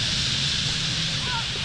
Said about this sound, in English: Before long is the dramatic whistle and rush, the stage of the nightly roost when birds dive into the trees, and you can hear thousands of wings cutting through the air just above your head. Look how fast they're going into those trees.